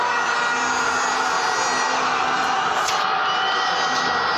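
A dense, steady roar of a crowd cheering the first goal, heard from the balcony of a house, fills the whole recording, a broad wash of many voices with no pauses or single standouts, holding loud and even throughout.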